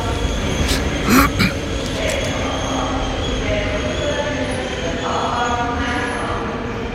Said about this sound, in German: Und dort fährt der Pascal jetzt an. Also, Gleis 5, Zürich AB.